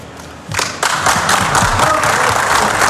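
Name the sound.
applause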